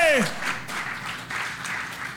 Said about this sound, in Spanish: Si ese aplauso es para Dios, es fuerte.